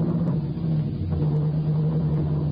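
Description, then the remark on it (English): A car engine drones with a steady low hum and rumble as the car drives away, holding an even loudness throughout with no voices. “Get in and drive us away, quickly.”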